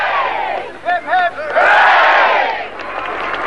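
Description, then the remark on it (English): A crowd in an army town in Berkshire cheers Olympic pentathlon gold medallist Sergeant Jim Fox on his return. A few high shouted whoops rise early on before a sustained roar of voices swells and then slowly fades into continuing chatter. “One member of the pentathlon team, Sergeant Jim Fox, was given a rapturous welcome when he returned to his army town in Berkshire to show off his gold medal.”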